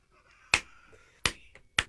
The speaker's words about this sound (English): You're clapping every 8 seconds. Well, I got to start over now.